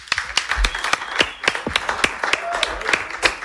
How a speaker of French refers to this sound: On les applaudit bien fort, s'il vous plaît.